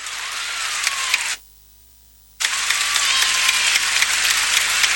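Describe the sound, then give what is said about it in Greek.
A basketball crowd claps for player Popović in a dense, crackling wash of applause that drops out abruptly for about a second, then resumes just as loud to the end. No voices are heard. “Χειροκροτήματα για τον Πόποβιτς.”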